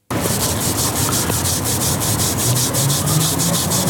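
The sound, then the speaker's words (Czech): Steady, rhythmic rubbing and scrubbing across a hard tiled surface, a gritty back-and-forth swish repeating about four times a second, loud and continuous with no voices, as a finished sidewalk mosaic of chipped tiles is grouted and cleaned. “Výsledek se pak ještě musí zaspárovat a vyčistit.”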